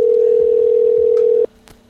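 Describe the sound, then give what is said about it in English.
A phone line's ringing tone on an unanswered call sounds as one loud, steady burst for about a second and a half, then cuts off, leaving faint line hiss and a couple of soft clicks. “All they need to do is stop and answer the phone.”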